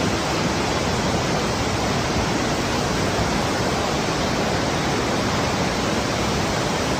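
A powerful waterfall gushing out of a cave in the rock at the source of the Río Mundo in Albacete roars continuously during the 'reventón', when water bursts out with great force after abundant rains. It is a dense, steady wash of rushing water that fills the whole soundscape, with no voices or other sounds breaking through.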